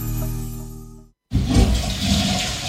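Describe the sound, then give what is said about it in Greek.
A steady low hum stops for a brief silent beat, then a toilet flushes with a loud, rushing whoosh of water that churns on to the end. “Τουαλέτα χωρίς να την ξυπνήσεις, δύσκολο.”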